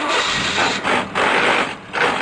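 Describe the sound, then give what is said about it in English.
A car engine with a faulty transmission grinds and strains with a harsh, rough roar, surging and dipping in uneven bursts as the transmission struggles to shift. The sound is loud, with no voices. “Dude, get your shift together. That sounds horrible.”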